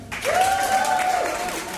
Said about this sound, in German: Großer Applaus bitte!